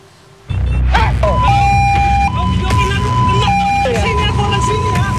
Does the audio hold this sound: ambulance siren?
yes